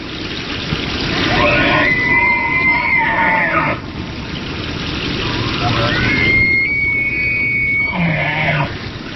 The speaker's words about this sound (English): The bugling call of a bull elk is a signature sound of the Rocky Mountains in autumn. Elk are the second largest deer species in North America after the moose.